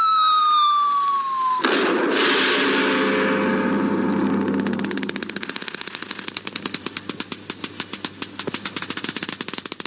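A falling whistle-like tone gives way to a sudden, loud, deep nuclear test explosion, the 169th since Hiroshima, whose rumble spreads and lingers, then turns into a dense, sustained crackling roar of rapid bursts. No voices.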